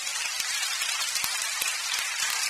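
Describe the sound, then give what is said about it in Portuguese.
A church audience applauds for Jesus after Sunday school in a dense, steady wash of clapping, many hands overlapping into a continuous hiss with a few sharper claps popping out. No one speaks. “Palmas para Jesus.”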